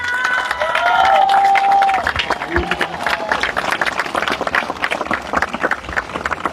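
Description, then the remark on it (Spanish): An audience at a ceremony attended by the town council bursts into loud, sustained applause for a music group marking 25 years, a dense patter of many hands clapping, with cheers and whoops rising over it at the start before the clapping carries on steadily. “Antes de brindar la palabra, por supuesto, quiero que le brindemos un fuerte aplauso”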